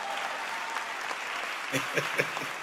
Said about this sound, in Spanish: Désenme un aplauso ustedes.